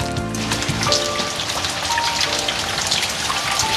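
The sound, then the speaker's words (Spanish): Steady light rain patters on a surface in Valdivia, a dense, even spray of small drops with no pauses, moderately loud, with no voices. “Oye, mientras escuchamos la lluvia de fondo, te voy a contar que para mañana se esperan 49 milímetros.”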